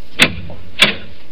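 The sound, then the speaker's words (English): A door at the bottom of cellar stairs opens with two sharp clunks about half a second apart, like a latch giving way and then the door swinging loose, over a low, quiet hum. “Another door.”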